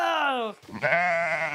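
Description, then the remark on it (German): Two loud sheep bleats in quick succession, each a wavering, nasal cry, the second longer and held steady after a brief pause, from a flock of 40 sheep. “ist auch für die Schafe verantwortlich.”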